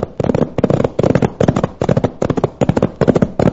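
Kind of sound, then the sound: sound effect, gunshots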